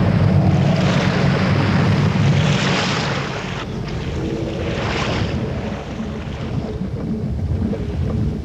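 A loud, steady roar of storm wind over heaving waves around a ship at sea, swelling and easing in broad surges for the whole stretch, with no voices.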